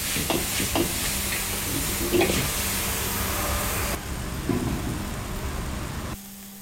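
Loud, steady sizzling from beef being stir-fried in a hot wok with MSG, chicken powder, light soy sauce and soy sauce, with intermittent scraping and clattering of a spatula tossing the meat, continuing without speech before the sizzle drops off at the end; coriander roots are added and the heat turned off.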